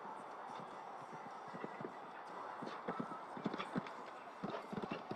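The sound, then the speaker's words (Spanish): Hooves thud in an irregular galloping rhythm as a strong horse that avoids touching the rails moves around a show jumping course, heading to the fifth fence, the Volvo obstacle. The beats sharpen and strengthen toward the end over a steady background hum of the arena. “Ven que es un caballo que no quiere tocar. Es un caballo de fuerza.”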